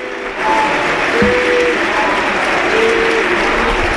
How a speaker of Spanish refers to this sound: Pues se retira del terreno de juego Isma Ruiz y va a entrar Teo Zidane. Ovación, para Isma. El público en pie.